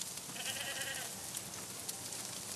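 A worker goat lets out a wavering bleat near the start, with fainter animal calls mixed into steady outdoor background noise. No one speaks.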